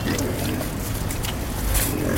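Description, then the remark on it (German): About 30 pigs at a garbage collectors' settlement in Cairo, Egypt, grunting and snorting together as a bucket of food scraps is thrown over their fence. Their low overlapping calls form a dense, steady, fairly loud chorus throughout. “Rund 30 Schweine grunzen fröhlich,”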